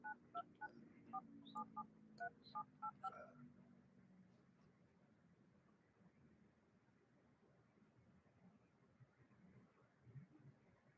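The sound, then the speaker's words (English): A quick run of about ten telephone keypad tones beeps in an uneven rhythm over the first few seconds as someone dials a phone call, followed by a low steady line hiss. “Let me see if I can try to call directly in 929.”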